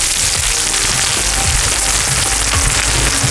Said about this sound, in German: Oho, es brutzelt, serviert in einer flachen Pfanne. Hört euch das an.